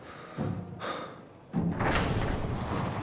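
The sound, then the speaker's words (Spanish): A heavy, rumbling mechanical sound swells in two bursts, then a deep thud gives way to a loud, sustained grinding roar as a huge door opens in front of lined-up players, with no voices. “Una enorme puerta se abre frente a los jugadores formados.”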